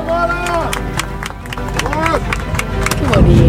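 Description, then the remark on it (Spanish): Passengers inside an airplane break into an ovation for a Mexican national team player: scattered clapping mixed with cheers and excited voices, growing steadily louder over a few seconds. “Ahí está dentro del avión, la ovación para el jugador mexicano.”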